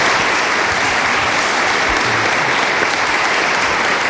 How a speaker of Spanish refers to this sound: me gustaría escuchar ese aplauso caluroso de la gente de Orihuela a este inicio de Ser Historia